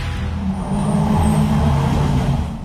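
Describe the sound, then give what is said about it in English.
A ute's heavy engine idles and rumbles steadily, a loud, deep low-pitched drone that holds for a few seconds with no voices. “Well, hey there, bro. Nice truck you got.”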